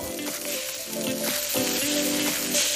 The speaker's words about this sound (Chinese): 烤架上滋滋冒油的猪蹄，笼屉中热气腾腾的包子，香气四处飘散。